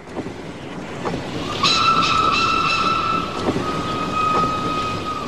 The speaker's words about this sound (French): Cela fait 17 jours épouvantables que nous voyageons et soudain, nous éprouvons une grande joie, car il fait presque nuit et le train roule toujours. Il marche et la nuit tombe de plus en plus.